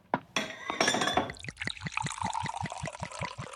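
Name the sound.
glasses clinking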